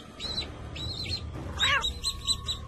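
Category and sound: bird, baby chicks peeping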